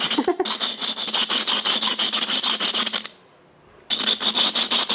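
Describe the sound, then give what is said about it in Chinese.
Rapid, steady scraping and rubbing strokes, fairly loud, as a teapot lid is ground back and forth by hand to fit after firing, with a brief pause near the end before the grinding resumes. “然后呢，出来以后我刚刚还要打磨，还要磨这个盖子，我说这个玻盖子要磨个40分钟。”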